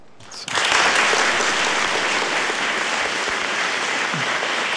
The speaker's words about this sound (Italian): Applauso per Papa Leone XIV